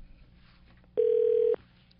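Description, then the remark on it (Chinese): A single steady electronic phone ring tone sounds once for about half a second, fairly loud, over a faint low background hum, with no one speaking, as a radio station's call to a Lamigo deputy manager connects. “来，我们现在电话通了。”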